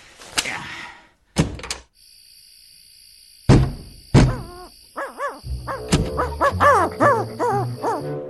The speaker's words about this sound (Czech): Je! To je sova. Poběž, vyvede nás ven.